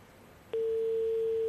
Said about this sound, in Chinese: 我没有听到人接听电话，听到了嘟嘟声啊，大家应该能听得到啊。